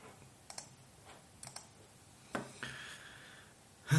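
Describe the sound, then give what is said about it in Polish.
Irregular clicks of keys on a computer keyboard, in scattered pairs and singles with short pauses, ending in a louder burst of clatter; no one speaks. “No nie klikaj tak na klawiaturę.”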